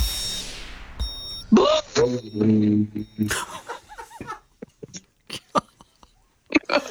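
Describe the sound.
A voice imitates a hot air balloon inflating with a loud, brassy, wavering hum that rises in pitch for about two seconds, followed by chuckling, brief talk and scattered laughter.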